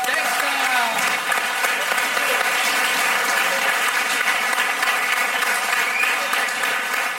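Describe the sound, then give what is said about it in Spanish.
Sustained audience applause for the Fakir's act at a show, a dense steady wash of clapping that holds at an even, loud level for several seconds without breaking. “Pues un aplauso enorme al Fakir.”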